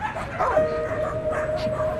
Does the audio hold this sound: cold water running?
no